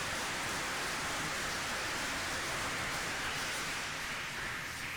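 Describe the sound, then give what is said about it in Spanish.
A crowd applauds steadily for about five seconds, the dense clapping blending into an even, hissing wash that holds the same level throughout, with no voices. “Mandémoslos un aplauso haciéndoles saber que los queremos.”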